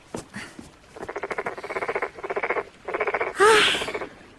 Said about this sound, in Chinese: 蛤蟆大哥，难怪那王玉烦你呢，还真是有点闹人呢。